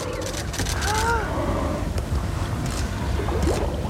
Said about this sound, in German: Aber jetzt ist erstmal Spannung hier auf unserem Boot. Wir laufen zur Reling und schauen gebannt aufs Meer.